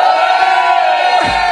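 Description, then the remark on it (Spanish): A large crowd in León roars and shouts together loudly, giving a shout for all of Spain during a live radio broadcast connected to 51 stations, a sustained dense wall of voices that holds steady throughout, with a low rumble swelling in near the end. “¡León, un grito para toda España!”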